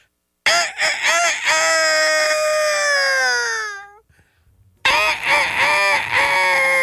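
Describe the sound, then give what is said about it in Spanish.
A person loudly imitates a rooster's crow in two long, strained vocal bursts, the first sliding downward and trailing off, followed after a short pause by a second, rough, wavering crow. “este gallo era tan flojo que cantaba a las 11 de la mañana”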